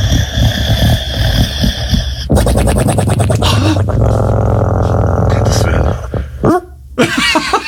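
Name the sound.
french bulldog snoring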